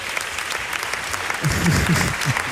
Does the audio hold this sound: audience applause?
yes